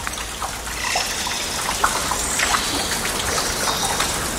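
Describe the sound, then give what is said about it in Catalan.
Condensed water drops, mixed with falling leaves and fruit dropped by birds, patter steadily from the tree canopy onto leaves in a forest on the island of La Palma in November; scattered soft taps and occasional sharper plinks over a constant wet hiss, with no voices. “De les copes dels arbres cau una estranya pluja que és una combinació de fulles i gotes d'aigua condensada i també fruits descartats dels ocells que busquen aliment.”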